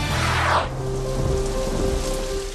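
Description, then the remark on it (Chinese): Steady heavy rain of a summer thunderstorm pours down, with a bright burst of thunder rumble in the first half second before the downpour continues alone, dense. “夏季雷雨天气频繁，雷电具有强大破坏力，易造成人员伤亡和设备损坏。”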